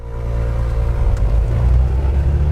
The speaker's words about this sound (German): Es ist Samstagnachmittag. Ich sitze in einem knallorangenen Overall in einer kleinen zweimotorigen Propellermaschine.